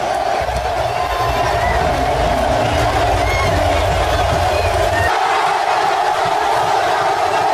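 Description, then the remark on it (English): A huge crowd at SoFi Stadium roars and cheers in one continuous, loud wall of sound. The low rumble thins out about two-thirds of the way through while the din carries on. “the roar of that crowd, man, is unlike anything you'll ever hear.”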